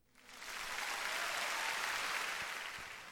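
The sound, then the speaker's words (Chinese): Steady applause from a crowd, a dense wash of many hands clapping that swells in over the first half second and holds at a fairly loud, even level throughout, with no voices. “给你最诚挚的祝福，当然要献上最响亮的掌声咯。”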